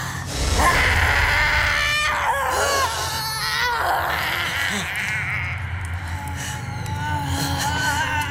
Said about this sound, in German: Das war ja wie der Schrei der Todesfee.